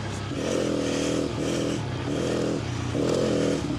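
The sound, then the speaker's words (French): A motorcycle riding on ice, the rider's first run back on ice, its engine revving up and down in repeated surges, the harmonic drone rising and falling about every second, with a steady scraping hiss underneath and no talking. “Premier retour sur glace.”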